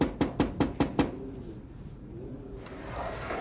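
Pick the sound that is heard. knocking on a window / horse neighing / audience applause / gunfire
knocking on a window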